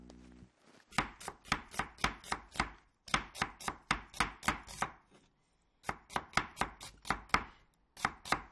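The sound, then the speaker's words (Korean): A knife chops steadily on a cutting board in quick, even bursts of sharp taps, pausing briefly between runs of about eight to ten strikes. No one speaks. “아저씨 같은 경우에는 이렇게 생각하는데 엄마가 정유미를 위해서 아침에 해주는 것 같은데 뭘 써는 소리 같지 않아?”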